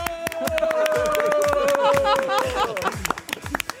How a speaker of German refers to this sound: Vielen Dank dafür, mal einen Applaus von euch selber, an euch selber, ja?